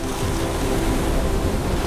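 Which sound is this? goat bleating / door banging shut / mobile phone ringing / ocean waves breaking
ocean waves breaking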